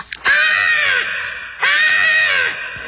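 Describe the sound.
Entertainer Jeong Seon-hui imitates a crow that pecked at a car's side mirror, with two long, loud, harsh caws separated by a short pause and no other talking.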